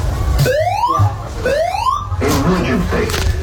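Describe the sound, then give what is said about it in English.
A building fire alarm's evacuation siren sounds loud, rising whoops that sweep upward about once a second while the entire building is evacuated, followed by a burst of muffled, busy noise that may be voices. “And then, lo and behold, the fire alarm went off and the entire building got evacuated.”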